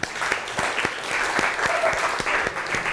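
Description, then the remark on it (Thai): Steady audience applause for a classmate after their presentation fills the space, a dense wash of many hands clapping at a moderate loudness, with a few sharper individual claps standing out throughout. “ขอเสียงปรบมือให้เพื่อนหน่อย”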